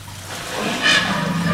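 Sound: elephant urinating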